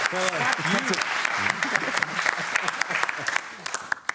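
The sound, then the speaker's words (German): Many hands clap in a dense, steady burst of applause, with sharp individual claps popping out of the wash. A voice speaks over the clapping at the start. “Und du musst so lange klatschen, bis wir wieder im Bild sind.”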